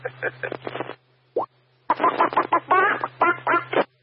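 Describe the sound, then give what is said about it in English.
A man's voice imitates a chicken, letting out a quick string of clucks, a short pause, then a longer burst of rapid, squawking clucks, loud over a low steady hum. “What the fuck happened to the chicken guy?”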